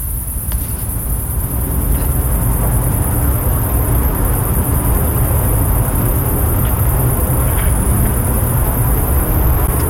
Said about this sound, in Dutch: De krekels die je niet alleen hoort op je zonnige vakantiebestemming, maar ook gewoon in de Achterhoek. Ja, Achterhoekse krekels. Ik vind dat toch heerlijk. Heerlijk, hè? Helemaal altijd de zomervibe van krekels.